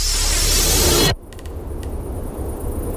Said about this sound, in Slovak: Tak šumia rododendrony pri okne mojej izby.